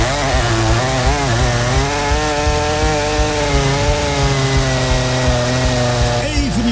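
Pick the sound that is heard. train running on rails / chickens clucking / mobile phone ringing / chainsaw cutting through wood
chainsaw cutting through wood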